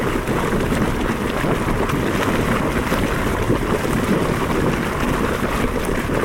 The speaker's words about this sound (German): Eine heiße Quelle in Island.